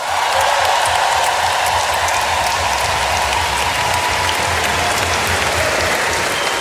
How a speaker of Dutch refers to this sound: Wat een ongelooflijk mooi beeld vormen jullie. En al zeker als de dirigent van dit geweldige ensemble er ook op staat. Uw applaus voor Jo Hermer.